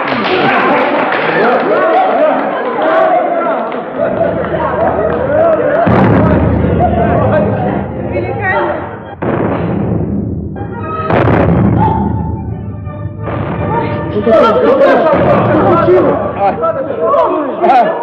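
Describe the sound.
Loud cannon blasts from artillerymen boom out one after another at uneven intervals, a ceremonial salute to the commander's wife during a mazurka, heavy thuds with a busy background of voices and commotion filling the gaps.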